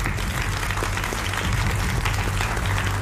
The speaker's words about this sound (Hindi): मनोज काका जी राष्ट्रीय प्रवक्ता समाजवादी पार्टी के, ताली थोड़ा बजा लीजिए आप लोग।